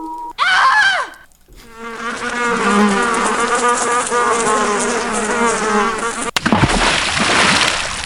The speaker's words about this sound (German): Ja, sie fliegen, summen da schon rum ja. Um das verdorbene Essen.